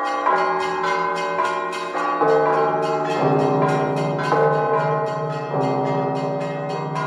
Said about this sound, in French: Aussitôt, toutes les cloches des 40 quarantaines d'églises répondent par leur joyeux tintement à l'appel de la vieille cloche de Saint-Jean-le-Grand.